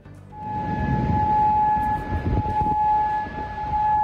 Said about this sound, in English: Sirens sound in Kuwait as the US and Iran escalate their conflict.